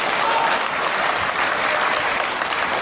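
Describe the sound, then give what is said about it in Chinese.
An audience claps steadily, a dense wash of many hands applauding at an even, fairly loud level for the whole stretch, with no voices rising above it. “各位别客气，您都是见证人，还鼓鼓掌，喊他喊他”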